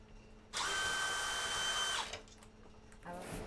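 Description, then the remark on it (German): A power drill whirs steadily for about a second and a half while unscrewing fittings, a high, sustained motor whine with a tonal hum, then stops; a second short burst starts near the end. “Das abschrauben, das kurz wegschieben, das kriegen wir raus, natürlich.”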